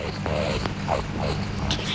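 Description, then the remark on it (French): A low, rough growl from a rakali (Australian water rat), an amphibious mammal of riverbanks, rumbles steadily for about two seconds, fairly loud, with a few brief higher squeaky inflections breaking through the throaty drone. “Oh zut, le grognement d'un racané.”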